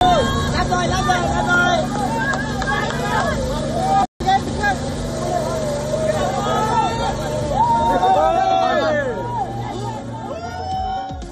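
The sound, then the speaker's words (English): A large crowd of thousands at a protest rally called by Turkish opposition leader Özgür Özel fills the air with a dense, continuous roar of overlapping voices and chanting, loud, with a brief cut near the middle. “And thousands joined the protest rally called by Turkish opposition leader Özgür Özel.”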